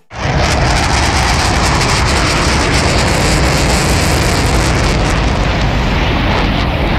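A flying bee's buzz, massively amplified into a harsh, roaring drone that fills the whole range, as hypersensitive children with autism hear everyday sounds; loud and steady for about seven seconds with a coarse, rumbling texture and no voices.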